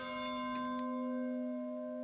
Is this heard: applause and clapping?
no